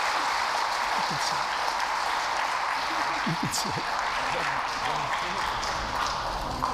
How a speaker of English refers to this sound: Thank you very much. Let's give them a round of applause one more time.